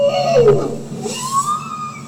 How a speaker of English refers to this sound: That's a bowhead whale. Rosenberg says these are the sounds that scientists gather using hydrophones they deploy from the real vessel.